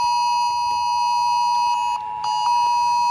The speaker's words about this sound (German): falls Sie noch nicht so richtig wach sind, dann wette ich mit Ihnen, um 11 Uhr werden Sie richtig wach sein, denn dann wird Ihr Handy plötzlich komische Geräusche machen. Das könnte sich dann so anhören.